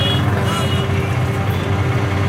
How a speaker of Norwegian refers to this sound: Det starter som en helt vanlig tirsdag ettermiddag i byen Beirut i Libanon. Fortauskaféene er åpne. Små mopeder manøvrerer seg gjennom den tette trafikken.